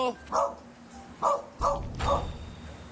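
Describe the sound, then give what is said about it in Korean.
A dog barks four times in short, separate bursts, sounding somewhat muffled, from behind a small side door next to a large gate of a house in an old residential neighborhood in Seoul, with a low rumble of background noise. “개 짖는 소리가 어디서 들리나 했더니 커다란 대문 옆, 쪽문에서 들리네요.”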